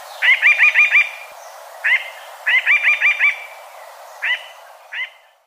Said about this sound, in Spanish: El trino del arrendajo montañero forma parte del Banco de Sonidos de Aves Colombianas, recopilado por el Instituto von Humboldt y la Universidad de Cornell.